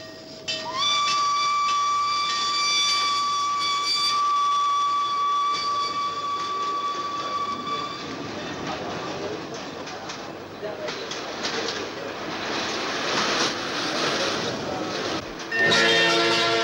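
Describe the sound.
A steam train's whistle blows one long, loud, steady blast for several seconds at Sirkeci station, then gives way to hissing steam and busy station noise with voices murmuring in the background.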